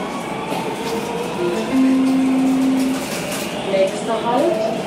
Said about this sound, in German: Mit der U-Bahn sind es ein paar Stationen quer durchs Zentrum und ein weiterer Ort der Erinnerung ist erreicht.